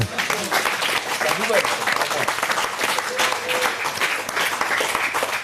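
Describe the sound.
Sustained applause from a studio audience, dense and steady for several seconds, with a few faint voices mixed into the clapping.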